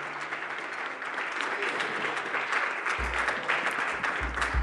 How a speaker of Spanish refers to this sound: Muchas gracias, qué chido que este bonito público que se dejó caer aquí a este gran espacio de la Ciudad de México, nuestro querido Radio UNAM, por favor un aplauso para toda la gente que está detrás de todo esto, muchas gracias.